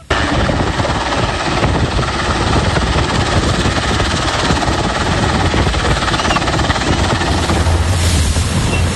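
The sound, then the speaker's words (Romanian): A rescue helicopter's rotor chop and engine roar fill the scene continuously and loudly, a dense pulsing drone that holds steady throughout with no voices heard, as rescuers pick up survivors from a sinking ferry. “Salvatorii i-au cules cu bărci și elicoptere pe cei care au reușit să iasă pe singura bucată din feribot rămasă la suprafață.”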